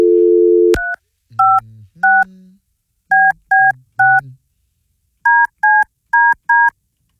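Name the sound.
telephone keypad dialing tones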